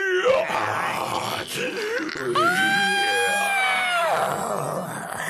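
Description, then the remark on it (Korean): A girl pretending to be a zombie lets out strange, zombie-like groans and a long wavering shriek while twisting her arms and legs and rolling back her eyes, loud, rising into a sustained high wail in the middle before sliding back into guttural moaning. “갑자기 기괴한 소리를 지르며 팔과 다리를 꺾고 눈동자를 뒤집었다.”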